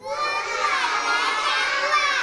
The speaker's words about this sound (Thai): โอ้โหเด็กๆตอบกันเสียงดังเลยใช่ไหมคะเพราะว่าเป็นกิจกรรมที่เด็กๆชื่นชอบนั่นเองค่ะ